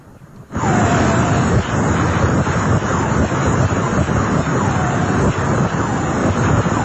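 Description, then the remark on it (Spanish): After a brief quiet moment, a black hole sound recording begins: a loud, steady whooshing roar much like a vacuum cleaner, with faint swooping tones drifting through it. No one speaks. “Póngale y verá que se escucha como si fuera una aspiradora.”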